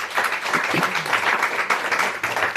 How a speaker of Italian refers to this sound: c'è lo stacco tra radio e dimensione live, perché gli applausi in radio non arrivano mai, quindi mi devo silenziare rapidamente.